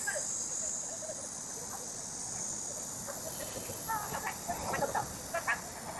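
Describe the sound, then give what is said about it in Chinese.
A continuous, high-pitched drone of cicadas by a roadside fills the whole clip, steady and unbroken outdoors, measured with a sound level meter at a minimum of about 75 decibels, while a person's voice speaks briefly over it near the end. “我们尽量把这个听筒对着蝉鸣的一个声音哈。”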